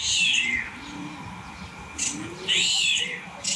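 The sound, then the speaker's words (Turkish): A starling gives a couple of high, drawn-out mewing calls that closely mimic a cat's meow, one near the start and another near the end, with quieter chatter in between. “Evet, kedi sesini yapıyor sığırcık.”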